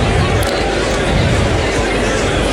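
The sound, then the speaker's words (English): Loud, steady chatter from a huge crowd at a racecourse during a marathon race card in kind weather, a dense wash of many overlapping voices with no single speaker standing out, continuous for the whole moment. “Huge crowd here, to be fair.”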